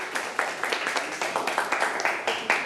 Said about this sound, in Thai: ไม่เป็นไรทุกคนปรบมือให้